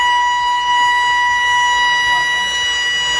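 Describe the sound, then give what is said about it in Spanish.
An emergency evacuation alarm in a residential apartment complex in the Bellavista Norte neighbourhood of Barranquilla blares continuously during an evacuation drill, a loud, steady electronic tone that holds one pitch without pausing for the whole stretch, over a low background rumble. “en el conjunto residencial Park 68, ubicado en el barrio Bellavista Norte de Barranquilla, la alarma sonó.”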